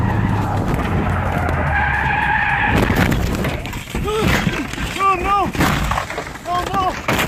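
A car skids on a curve in the San Gabriel Mountains of Los Angeles, California, and falls off a cliff: a long, loud tire screech that holds steady for a few seconds, then gives way to rougher clatter and short, wavering squeals.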